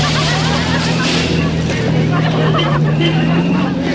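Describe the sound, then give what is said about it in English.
A car engine hums steadily and loudly, with a constant low drone and rough, hissing road noise as the car drives up a slushy mountain road without pause, following a horse-drawn sleigh. “Follows up the slushy mountain road.”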